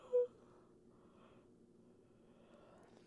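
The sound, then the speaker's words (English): A quiet, drawn-out yawn: a brief sharper breath at the start, then a long, low, breathy exhale that stays soft for a few seconds, with no talking. “Sorry. I had a yawn.”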